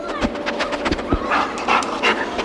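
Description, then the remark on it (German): A search dog, the kind that finds people in avalanches or helps police track, sniffs rapidly and excitedly, a quick run of short, breathy snuffles and pants with brief pauses, fairly loud and with no talking over it. “Da schnüffelt jemand ganz aufgeregt.”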